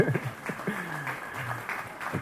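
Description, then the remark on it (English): An audience applauds steadily, a dense wash of many clapping hands at moderate loudness, with a voice faintly audible underneath, following a presentation about a project archiving vanishing spinning practices. “for round of applause.”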